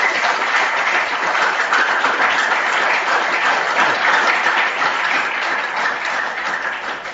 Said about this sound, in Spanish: A Monseñor, gracias por estar aquí entre nosotros. Gracias porque ayer llamó y dijo, sí, puedo ir. Y aquí está. Así que le damos un fuerte aplauso por su presencia.